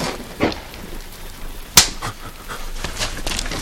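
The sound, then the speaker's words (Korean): A single sharp slap, one man striking another across the cheek, cracks out loudly midway, sudden, over a low steady background hiss with a faint breathy rustle beforehand. “성식이 멍하니 서있자 경필이 성식의 뺨을 때린다.”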